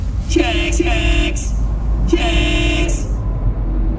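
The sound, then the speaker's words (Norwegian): Two long car horn blasts sound, one starting early and another after a short gap, over a steady rumble of idling traffic in a complete traffic jam. “Oi, her var det jo fullstendig kork.”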